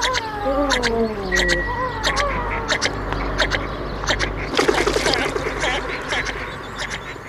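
Loud, repeated bird calls, with several descending, nasal cries early on, then a busy stretch of sharp, chattering notes over a constant outdoor background.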